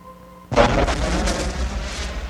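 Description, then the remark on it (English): A volcanic eruption, with volcanoes spewing clouds of gas and steam into the sky, bursts in abruptly after a faint hum, then rolls on as a loud, sustained rumble with deep low roar and hissing, crackling noise above it. “Now that sphere's creation continues as countless volcanoes spew clouds of gas and steam into the sky from melted mineral formations of space.”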